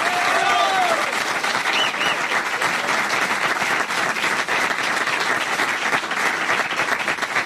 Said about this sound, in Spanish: Fuerte el aplauso, señor.